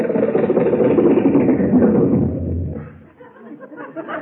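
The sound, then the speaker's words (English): A Lincoln car's engine runs with a steady, loud rumble for a couple of seconds as it is driven into a studio, then eases down to a softer, uneven idle as the car comes to a stop. “Gee, boss, the gateman let us drive right into the studio with the car.”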